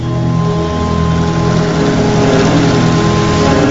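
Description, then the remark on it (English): A boat motor drones steadily and loudly as the boat sails across open water toward the horizon, the sun low in a cloudy sky. It makes a constant low rumble with a broad wash of noise that never lets up, and there are no voices. “The boat sails toward the horizon, the sun low in the cloudy sky.”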